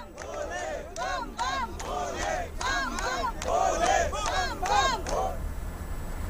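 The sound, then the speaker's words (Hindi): A crowd of pilgrims on the Amarnath Yatra chants "Bam Bam Bhole" in loud, rhythmic bursts, many voices rising and falling together in a steady repeated cadence for several seconds. “सबके चेहरे पर मुस्कान है और जबान पर सिर्फ एक ही नाम, बम बम भोले, जय भोलेनाथ।”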